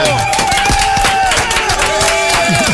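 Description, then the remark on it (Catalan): A crowd bursts into steady, dense applause, many hands clapping at once in a continuous wash that holds its loudness throughout, with a few sustained tones running underneath. “Fem un bon aplaudiment. Bravo!”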